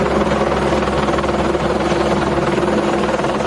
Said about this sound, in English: Three choppers in the air. And, you know, we saw a chopper that was coming very close down to the water, unsure whether they were picking someone out of there or just assessing a structure that was in peril.